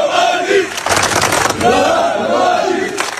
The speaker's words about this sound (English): In the town of Svornik in eastern Bosnia, crowds marched through the streets, chanting the former military commander's name.